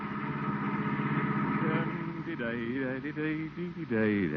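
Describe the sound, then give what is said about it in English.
The engine of the family car driven homeward by the water commissioner Gildersleeve, of The Great Gildersleeve, runs with a steady, mid-pitched drone as if driving along, and partway through a man's voice rises over it, humming or murmuring without clear words. “The day's work is done, and the water commissioner is at the wheel of the family car, heading homeward.”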